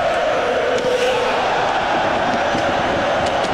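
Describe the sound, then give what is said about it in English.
A large arena crowd at a hockey game involving the Sabres roars in celebration after a defenseman fells Carrick in a fight, a steady, dense wall of cheering that holds at full volume without letting up, with no clear voices standing out. “Crowd in celebration mode.”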